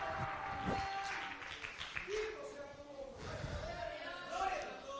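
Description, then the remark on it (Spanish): An audience claps and applauds as an offering of praise to God, in a steady, dense wash of hand claps, with voices calling out and murmuring over the sustained applause. “Dele ofrenda de palmas al que vive, pues.”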